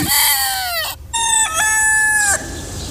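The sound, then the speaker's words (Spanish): A person imitates a rooster's crow, loud, in two strained, wavering calls: a short falling one, then a longer held one with a dip partway through. No talking. “Madre bendita, un escenario de puro gallo nomás”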